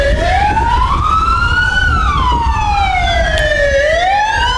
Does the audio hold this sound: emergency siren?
yes